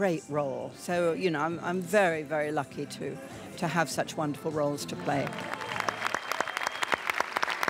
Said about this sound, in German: Im Kinosaal dann ihre Fans, ihr Applaus, ihre große Würdigung. Helen Mirren bekommt den Preis für ihr Lebenswerk.